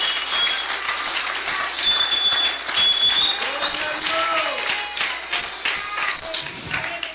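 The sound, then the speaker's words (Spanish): A large crowd at an evening sermon applauds God, clapping steadily and loudly, with shrill whistles and cheers rising over the dense, continuous applause for several seconds. “Si le vais aplauso, véselo con ganas esta noche.”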